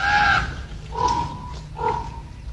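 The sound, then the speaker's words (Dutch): Young ravens in the Groesbeek forest screech three times, harsh raspy cries about a second apart, the first loudest and the later two drawn out, over a low steady rumble. “En dat gekrijs is van de jongen.”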